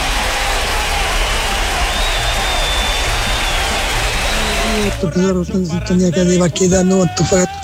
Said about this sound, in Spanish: Claro que sí, un aplauso para la gente.